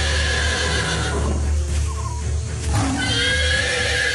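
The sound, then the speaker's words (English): A zebra's loud distress call, harsh, high-pitched whinnying cries that rise and break, heard twice in quick succession with no voices. “Zafa's herd of zebra friends heard the distress call and rushed to help Zafa and Opa.”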